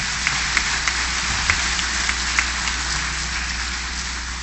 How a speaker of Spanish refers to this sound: eso es gracias a todos ustedes, compañeras y compañeros, a quienes yo les pido se den un gran aplauso por el trabajo que han hecho en cada uno de sus instalaciones.